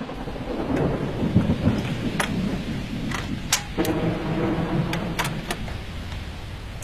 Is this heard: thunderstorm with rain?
yes